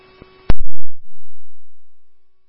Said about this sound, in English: these tones are for Woodbury 1AF, Woodbury 11F, you can cancel. Again, tones for 1AF to respond for an accident with injury at Hudson and Woodbury Drive.